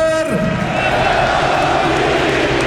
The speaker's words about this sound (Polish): Oklaski nastojąco, skandowane nazwisko Lewandowski na Camp Nou i brawa dla kapitana